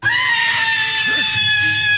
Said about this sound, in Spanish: ¿Quieres escuchar? Aquí nos gritan.